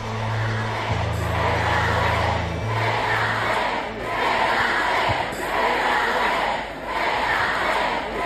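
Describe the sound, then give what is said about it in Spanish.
A large crowd of FC Barcelona fans at the celebration of the club's fourth Champions League title chants at Alexia Putellas loudly in a steady rhythmic cadence, voices swelling every second or so, with a low droning horn sounding underneath during the first few seconds. “en la celebración de la cuarta Champions del Barça, le gritaban los aficionados en la fiesta de esa cuarta Champions del Barça esto a Alexia Putellas.”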